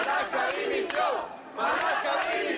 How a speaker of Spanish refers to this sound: Esos abucheos siempre se han trasladado también al ministro Marlaska.